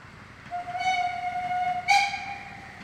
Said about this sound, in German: Und betreiben die heute als Verein immer noch in der Freizeit mit den Dampflokomotiven, führen Fahrbetrieb durch und halten so, ja, das historische Erbe der Eisenbahn am Leben.